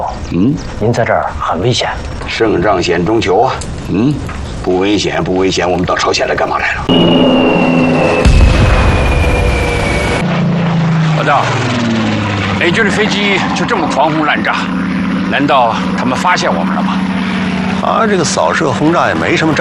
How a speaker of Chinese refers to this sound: 美军的飞机就这么狂轰滥炸，难道他们发现我们了吗？ 啊，这个扫射轰炸也没什么章法。